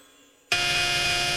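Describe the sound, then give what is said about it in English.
After a moment of near silence, a harsh, loud electronic buzz starts abruptly and holds steady, like an alarm clock going off. “At the first sound of the alarm, he jumped out of bed and was soon dressed and in the kitchen.”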